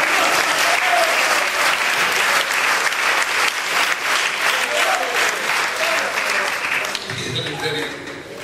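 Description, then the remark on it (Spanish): An audience bursts into loud, sustained applause for the Lord, dense rapid clapping filling the air for several seconds before thinning slightly at the end. “Dios tiene freno, de fuerte aplauso al Señor.”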